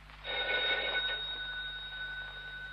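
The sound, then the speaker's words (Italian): A telephone bell rings at 3:15 in one sustained, bright electronic trill, then its tone lingers and fades over a low steady hum. No voices are heard. “rispondi al telefono”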